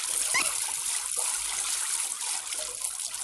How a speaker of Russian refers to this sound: Выплевывает воду.